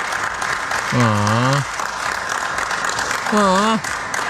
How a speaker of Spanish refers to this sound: Espérate. No aplaudan, espérense.